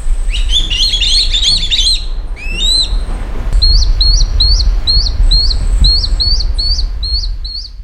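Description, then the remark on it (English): Swallow-tailed kite fledglings from a local nest beg with shrill, high-pitched calls as an adult kite delivers food, a small bird, to them: a rapid overlapping chatter at first, then a steady run of repeated squeaky chirps over a low background rumble. “On Sunday, an adult kite delivered food, a small bird of some kind, to what were obviously its begging fledglings.”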